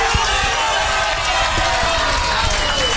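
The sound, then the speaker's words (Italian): A large crowd cheers and applauds, a dense, steady roar of many voices with scattered claps running through it, loud and unbroken from start to finish. “Basteranno gli applausi a convincere Orsolini?”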